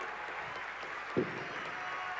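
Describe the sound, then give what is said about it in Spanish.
An audience applauds steadily, with dense overlapping clapping that blends into a continuous hiss; a single low thump stands out briefly midway. “fuerte el aplauso para Jorge, que ha sido el primero”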